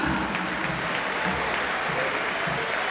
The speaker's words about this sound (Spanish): Marcos Acuña. Una salida de aplauso, ¿no? Sí, se ganó los aplausos.